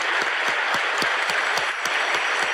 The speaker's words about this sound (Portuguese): Uma salva de palmas para Jesus agora, bem vibrante.